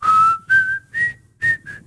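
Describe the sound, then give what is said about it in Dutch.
Someone whistles a short melodic phrase of five clear, steady notes that rise gently in pitch, with brief pauses between them, fairly loud with no talking. “Kun jij goed fluiten?”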